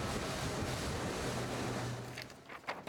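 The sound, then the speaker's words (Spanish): A Customs Surveillance patrol boat moves across open sea off Huelva, Spain, at night after leaving the Río Tinto dock, its steady engine drone mixed with the rush of waves and wind buffeting the microphone, loud throughout. “Hemos acompañado a una patrullera en Aguas de Huelva,”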